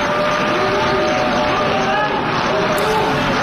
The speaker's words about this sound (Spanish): Parte de las delegaciones han empezado a abandonar la sala. Se mezclaban las protestas y los aplausos de otras delegaciones que han decidido permanecer y apoyar al primer ministro israelí.